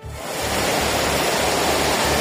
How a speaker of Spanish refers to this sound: Sí, la situación es especialmente complicada en el área de Barcelona, sobre todo en municipios como L'Hospitalet y Cornellà, donde la lluvia ya ha superado los 150 litros y hay calles y coches inundados. Este es el sonido a esta hora.